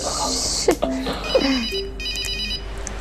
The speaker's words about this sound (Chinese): 叔叔，我接电话。